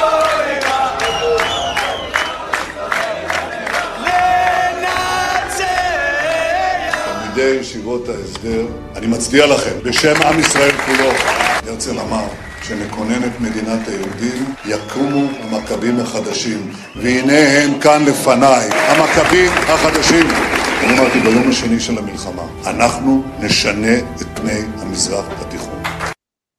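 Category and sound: crowd, crowd chanting and applauding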